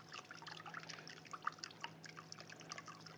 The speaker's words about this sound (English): And then you want to take the soy sauce and probably about 6-7 ounces of soy sauce you put in the water. Maybe a little bit more.